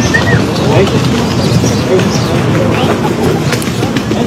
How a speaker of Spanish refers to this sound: Ahí pues al principio se escucha el chiflido. Es un tiene poco grosero. Toda la razón. Es un poco grosero.